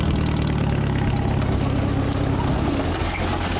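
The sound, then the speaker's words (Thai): A jeep-style farm vehicle's engine runs steadily, a loud low rumble with a throbbing idle rhythm that holds throughout without any talking. The jeep is driven at an orchard to collect areca nuts. “นอกจากจะขับไปในที่ต่างๆแล้วที่สวนของตัวเองก็จำเป็นต้องใช้รถชนิดนี้วันนี้แกขับไปเก็บหมาก”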